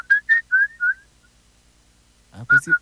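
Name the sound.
person whistling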